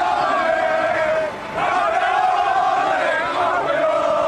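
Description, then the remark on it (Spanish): Club Deportivo Tenerife football players chant and shout "campeones" (champions) in unison, loud sustained voices rising and falling in a repeated rhythm, with a brief pause before the chanting surges again. “Estos son los jugadores gritando campeones, campeones.”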